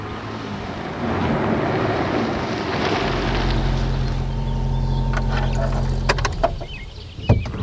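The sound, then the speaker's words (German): A car drives to a riding school with a steady, droning engine rumble and road noise that settles into a constant low hum, with a few sharp knocks and clicks near the end. No one speaks. “Sofort müssen sie ins Auto steigen und hinfahren.”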